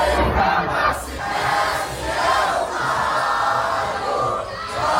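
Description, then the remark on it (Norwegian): A loud, dense crowd of Brazilian football fans roars and shouts continuously outside a stadium in the USA for several seconds, with waves of cheering swelling and dipping and raised voices blending into a steady wall of noise. “fotballopplevelsene jeg har hatt utenfor stadion her i USA, fordi det har vært en hev av brasilianere her, som lagde et voldsomt liv.”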